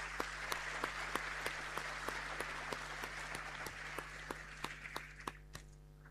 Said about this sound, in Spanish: A ver, levante la mano, ¿dónde está Frutillar? Le damos un aplauso de bienvenida.